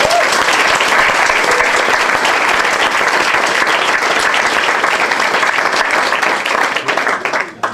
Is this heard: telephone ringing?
no